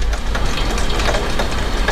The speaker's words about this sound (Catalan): Anem a acostar el micròfon i pujar una mica el volum, vinga, a veure si es pot sentir. Vinga, això és un aiguat que està caient en aquests moments a Barcelona, que m'està picant l'aigua a la finestra, cosa que mai passa aquí.